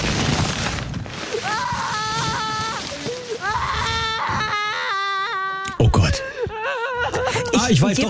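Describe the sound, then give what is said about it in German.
A toddler whines and cries in drawn-out, wavering wails that rise and fall in pitch, loud, with brief breaks and a sharper outburst near the end. “Das ist so ein Kleinkind in der Obstabteilung, das unbedingt einen Kürbis haben möchte.”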